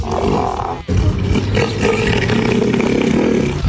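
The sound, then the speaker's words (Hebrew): A deep, guttural bellowing roar from Neil, a five-year-old elephant seal from Tasmania weighing a full tonne, loud, sounding in two long throaty bursts separated by a brief pause. “הכירו את ניל, פיל ים בן 5 מטזמניה, ששוקל טון שלם.”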